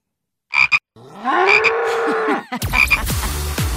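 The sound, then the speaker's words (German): A low, drawn-out cow moo swells over a chorus of frog croaks, with short repeated croaking bursts before and after it, all loud, with no talking. “Kühe sind deine Angst, würde ich sagen. Und Frösche meine, aber...”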